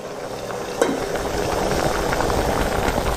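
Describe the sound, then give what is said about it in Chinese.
Braising broth with a lion-head goose boiling steadily in a pot at a shop, brought to a boil over high heat then simmered for 2 to 3 hours, a dense bubbling hiss with constant popping and gurgling, one sharper splash or clink near the start, no voices. “大火煮开转文火，狮头鹅一般要根据体型卤制2到3个小时，老鹅时间更久，至少要4个小时以上才能入味儿。”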